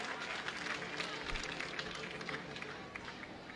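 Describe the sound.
Isotopes fans at a baseball game applaud steadily for a player who is back on his feet and remains in the game, a dense wash of many overlapping claps at an even, fairly loud level throughout, with a low murmur of voices mixed underneath.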